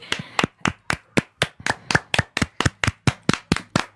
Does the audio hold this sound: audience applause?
yes